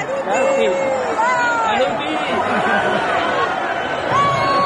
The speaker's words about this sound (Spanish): Las ganas de que empiece la fiesta, por supuesto. Escuchamos de fondo los gritos.